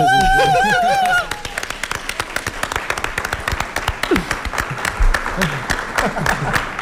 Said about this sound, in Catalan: Un aplaudiment. Pobret. I... aquest tio mereix un aplaudiment millor, jo crec.